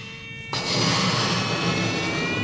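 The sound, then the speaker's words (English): After a brief quiet moment, a steady, breathy rush of air begins as someone blows into a balloon. The whooshing holds loud and even for a couple of seconds, with no talking. “With my eyes closed, I begin to blow into a balloon.”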